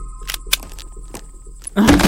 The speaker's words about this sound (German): Ich mache jetzt die Tür auf.